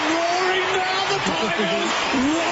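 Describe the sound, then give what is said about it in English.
A dense, continuous roar of car engines used as a traffic report sound effect, with a steady droning hum, loud and unbroken throughout, with a voice-like tone weaving underneath. “They're roaring now, the 3AW traffic.”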